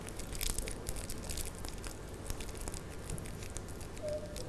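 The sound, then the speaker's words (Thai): Paper crumpled by hand as a demonstration for children, the crumpled paper to be made into fish scales for a craft; a continuous rustling crinkle with irregular sharp crackles spread across the whole stretch, steady and moderately loud with no talking. “ให้เด็กๆค่อยๆขยำแบบนี้เลยค่ะแบบนี้นะคะเด็กๆค่อยๆใช้มือขยำกระดาษของเราแบบนี้ค่ะและเมื่อเด็กๆขยำเสร็จแล้วให้เด็กๆนำมาใส่ไว้ในตะกร้าค่ะ”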